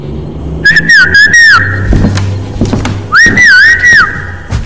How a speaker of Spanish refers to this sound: Hola. Hace cuánto que no llegaba chiflando así. Ah, el abuelo.